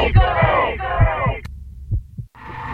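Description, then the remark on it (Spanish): In a Latidos FM radio jingle, a steady heartbeat thumps low, its paired beats pulsing under a bright, swelling musical tone that cuts off abruptly before the beat continues alone and the music returns. “Latidos FM Radio. En todos lados.”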